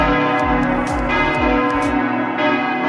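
Church bells ring loudly and continuously at 6 a.m., their overlapping peals forming a rich, dense wash of tones with repeated strikes sweeping through, with no voices.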